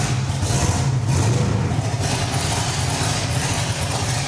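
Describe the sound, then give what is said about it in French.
An air suspension raises a car with 11-inch front and 15.5-inch rear wheels in a demonstration, with a steady, loud mechanical hum and a low droning whir, plus a faint airy hiss above it, continuing unbroken throughout without any talking. “Tu peux me faire une démo de lever de la voiture pour voir ?”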